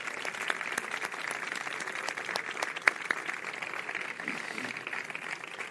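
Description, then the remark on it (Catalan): A crowd applauds steadily for a festival's 60 volunteers, a dense, continuous patter of many hands clapping at an even level with no voices on top, holding the same intensity throughout. “Així que també m'agradaria donar un fort aplaudiment a totes elles.”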